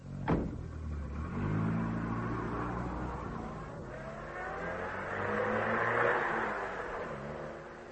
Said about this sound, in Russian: Комиссар уходит. Слышно, как уезжает полицейский автомобиль.